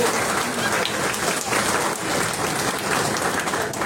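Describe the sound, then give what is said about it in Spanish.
A crowd at a Somos Perú party coordination meeting in the district of Villarrica claps steadily for the party's slate of district councillors, a dense, even wash of many hands with no pauses and no voices standing out over it. “Fuertes votos de aplauso para ellos, por favor.”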